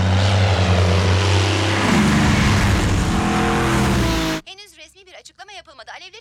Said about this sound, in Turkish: Ona kalırsa bu askeri bir deneyimmiş. Ama bana sorarsan bir uçak.